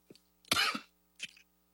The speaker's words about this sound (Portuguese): Acho que ele tossiu, né? Acho que ele deu uma tosse nele.